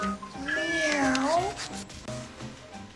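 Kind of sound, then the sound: animal, cat meowing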